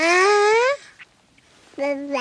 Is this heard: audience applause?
no